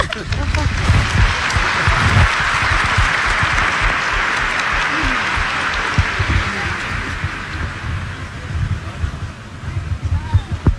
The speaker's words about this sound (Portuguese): E esse daqui é para agradecer em nome do Grupo Jovem por tudo que o senhor faz pela gente, pelo seu sim e pelo seu serviço todos os dias com a gente. Palmas.